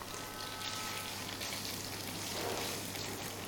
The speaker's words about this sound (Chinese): 好，我们在炒香干的时候，因为锅里已经有底油了，这个时候要调成大火来爆炒。